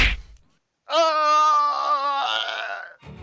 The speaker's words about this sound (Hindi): अब कामरान का गुस्सा सातवें आसमान पर था। उसने एक बदमाश को मुक्का मारा।